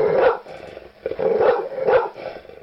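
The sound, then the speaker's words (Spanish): A dog barks three times in a steady rhythm, loud, with no one speaking over it. “Bueno, los xoloscuintles, pues son perros.”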